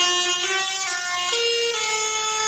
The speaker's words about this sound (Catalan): En aquest cas són els tractors que s'han fet sentir pels carrers de Lleida, tracturada convocada pels joves agricultors i ramaders de Catalunya, en concret contra l'augment dels preus dels carburants.